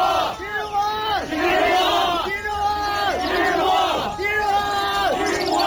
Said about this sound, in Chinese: 蔡元培躲在门卫房里，表情呆然地听着轰然涌动的脚步声和口号声。